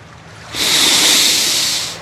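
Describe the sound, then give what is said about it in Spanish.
A gentle sea wave washes up onto a sandy beach with palm trees, its soft hissing rush swelling after a brief pause, holding steady, then beginning to ease off. No voices. “¡Qué tranquilo se ve el mar!”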